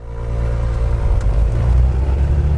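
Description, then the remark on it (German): Steady, loud drone of a small twin-engine propeller plane flown by volunteers of the civil rescue group Seabird on a Saturday afternoon patrol over the Mediterranean, searching for a boat in distress. A dense low rumble with faint tonal hum lines above it, continuous and unbroken with no voices. “Ich sitze in einem knallorangenen Overall in einer kleinen zweimotorigen Propellermaschine.”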